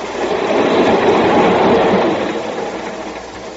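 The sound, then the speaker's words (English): A moving train clatters steadily along the rails, a dense rumbling rush that swells and then eases slightly, with no voices. “Now Victor Dickerson is dead and I'm taking his train trip for him.”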